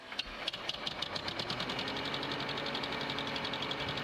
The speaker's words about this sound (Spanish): Nosotros, como siempre, arrancamos el tractor y hoy más que nunca, ¿eh?